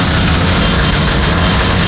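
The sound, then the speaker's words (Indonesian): Loud, continuous roar of several vehicle engines, including cars, revving together in a convoy at Kayu Tangan, a dense rumbling wall of noise that stays steady throughout with no voices. “Ngapain geber-geber seperti ini ya?”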